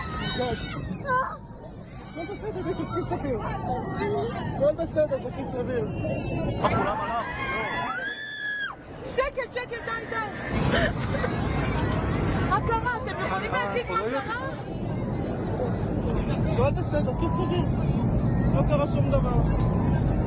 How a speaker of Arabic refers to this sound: هكذا هو صوت المسافرين عندما كانت تهوي الطائرة بشكل سريع جدا نحو الأرض.